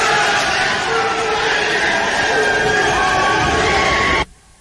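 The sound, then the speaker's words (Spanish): A loud, sustained roar of senators, including Rafael Nieto of the Centro Democrático and Aida Bella, applauding, cheering and shouting in celebration in favor of Doctor Enríquez, dense and continuous for about four seconds before cutting off abruptly. “el momento en el que uno ve a gente como Rafael Nieto, senador del Centro Democrático, con la senadora petrista Aida Bella, encantados, aplaudiendo y gritando a favor del doctor Enríquez. Este es un instante cuando estaban celebrando todas.”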